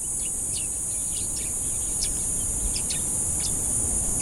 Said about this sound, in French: Donc on voit effectivement qu'il y a encore une activité biophonique qui est caractérisée par des chants d'oiseaux.